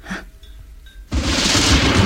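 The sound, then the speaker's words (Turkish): A quiet stretch with faint tones breaks into a sudden, loud crash of thunder that rolls on as a dense, roaring rumble through the rest of a very violent storm. “Anlaşılan çok şiddetli bir fırtına olacak bu.”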